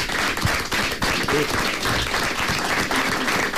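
A crowd applauds continuously, a dense, steady wash of many hands clapping at an even loudness from start to finish, with a faint voice briefly audible underneath.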